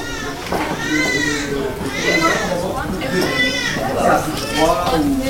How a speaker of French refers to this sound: C'est l'heure des soins le matin. Donc là, on a deux services de suite de couches. Ben, on entend déjà crier. On va passer devant la nurserie.